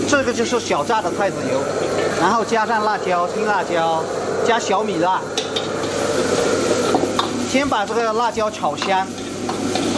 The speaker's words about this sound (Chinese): 辣椒炒香，下入撕成小片的干巴菌，急火快炒，10几秒的时间，干巴菌就炒好了